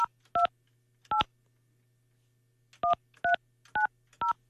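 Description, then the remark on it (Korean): Telephone keypad tones beep as a number is dialed to place a call: two quick presses, a pause, then four more evenly spaced beeps, each a short dual-pitched tone over a faint steady hum. “자, 이분에게 제가 전화를 한번 걸어볼게요.”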